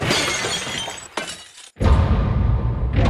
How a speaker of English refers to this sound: What are you doing? Don't you have any sense? That was a piece of glass that was given to me. How can you break it?